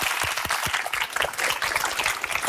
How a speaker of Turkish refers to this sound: O zaman heyecanlanan bir alkış veriyoruz arkadaşlar. Kocaman.